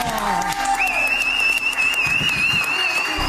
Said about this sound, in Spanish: Basket. ¡Fuerte el aplauso!